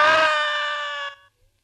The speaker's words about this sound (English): Ah! Yes. I screamed. I screamed so loudly there was blood in my throat.